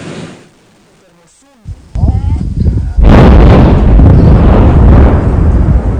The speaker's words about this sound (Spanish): Es una explosión en medio del semiárido brasileño. Detonación de la minería, un absurdo. Nuestras casas están todas llenas de grietas.